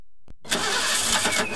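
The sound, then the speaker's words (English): A car engine, filled with the wrong fuel, tries to start: a brief click, then a rough, sputtering crank that catches into a loud, uneven churning, with no voices. “Ah, ship, you've put the wrong fuel in your car.”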